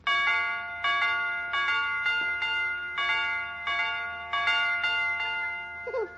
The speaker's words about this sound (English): Will you, Mr. McGee, will you come over to our house and fix our doorbell so it goes dee-dee, dee-dee, dee-dee